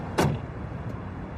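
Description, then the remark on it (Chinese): A car door thumps shut once, fairly solid, as a man gets out of a car stuck in a traffic jam, over a low steady hum of idling traffic, followed by a faint small click moments later. “下了车，无奈地看了一眼望不到头的车流。”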